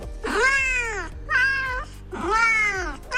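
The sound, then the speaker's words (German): Three long, drawn-out cat meows played by a phone app that translates human speech into cat language, loud, each rising then falling in pitch, with short gaps between them and no talking. “Also ich sag mal so, die Hersteller dieser App sagen, das basiert wirklich alles auf Original-Katzengeräuschen, die man jahrelang aufgenommen und analysiert hat und so weiter.”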